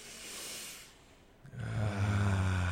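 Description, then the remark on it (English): A long, airy exhale fades out, then a deeper, rough inhale swells in, slow and full, with no talking, during a guided breathing exercise. “Back to yes, your normal breath.”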